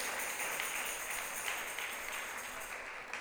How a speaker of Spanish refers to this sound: Démosle un aplauso al Rey de Reyes. Aleluya. Gloria a Dios.